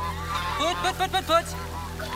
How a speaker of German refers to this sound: Put. Hey, du da, nicht ausscheren. Put, weiter, ihr Gänse, weiter, lauft. Lauft.